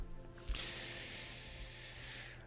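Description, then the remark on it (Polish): A lighter is flicked with a sharp click, then a steady soft hiss of gas runs for about two seconds as a cigarette that keeps going out is relit. Quiet, with no voices. “I już tak strzelam tą zapalniczką, ale to niektórzy myślą, że ja tak odpalam papierosa od papierosa, ale to niekoniecznie jest tak.”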